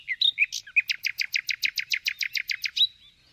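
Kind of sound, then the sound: bird, nightingale song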